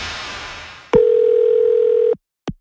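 A steady, loud telephone dial tone hums for about a second after a brief wash of hiss, cut off by a click, followed by another sharp click from the handset as a call is being placed.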